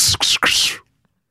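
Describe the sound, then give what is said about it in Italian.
A voice imitates a flying arrow's whoosh with the mouth as a sound-effects demonstration: three quick, breathy hissing bursts in under a second, followed by silence. “La freccia.”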